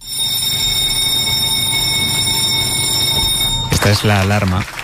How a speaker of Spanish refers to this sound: Esta es la alarma que marca la hora a la que empieza la reunión de primera en El País